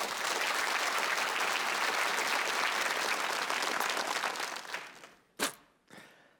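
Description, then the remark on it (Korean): A crowd applauds to open a stage performance of Hwacho Taryeong from the pansori Simcheongga, steadily with dense, sustained clapping for about five seconds, then it fades into a few scattered claps and sharp isolated hits before trailing off. “여러분의 큰 박수로 그 무대 열어주시죠.”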